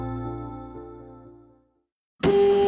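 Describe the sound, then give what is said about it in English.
A loud mechanical whirring kicks in abruptly after a moment of silence, the steady motor drone of a just-repaired printer starting up and printing, following a fading tonal hum. “Wow, you make fixing a printer look so easy.”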